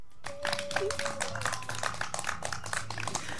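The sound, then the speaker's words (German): A small group claps steadily for a few seconds for someone who came to the front and spoke, the overlapping hand claps moderately loud, with a faint steady tone and some low murmuring underneath. “Ein kleiner Applaus für dich.”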